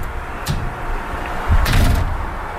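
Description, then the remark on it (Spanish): Knocking on a door: a single thud, then a short cluster of louder raps about a second later, solid-sounding, with no one speaking. “¿Quién toca la puerta?”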